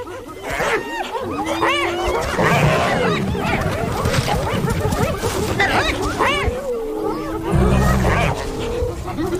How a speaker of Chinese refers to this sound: 我还从来没见过斑鬣狗把一只狮子从猎物旁边赶走。 你觉得他们能把狮子赶走吗？ 斑鬣狗铁了心要抢走狮子的猎物。